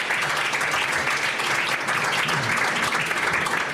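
Steady, dense audience applause for four guests seated at a panel table fills the whole stretch, a continuous wash of many hands clapping at an even, fairly loud level with no voices standing out.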